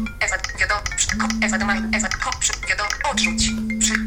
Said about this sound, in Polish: Dźwięki, to jest bardzo fajne, bo możemy sobie zobaczyć, jakie dla poszczególnych zdarzeń dźwięki program posiada i sobie ich odsłuchać. Czyli na przykład, jeżeli jest błąd, i stukniemy w ten przycisk, usłyszymy dźwięk. Poproszę.